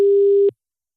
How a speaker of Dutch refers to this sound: En dan kan het zomaar zijn dat je telefoon nu overgaat.